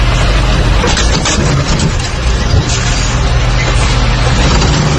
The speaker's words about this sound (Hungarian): És végül több parkoló autót is megrongált egy billencses teherautó Zuglóban egy szűk útszakaszon. Az internetre kikerült felvételen jól látszik, hogy a teherautó neki megy egy parkoló BMW-nek, majd arrébb sodorja.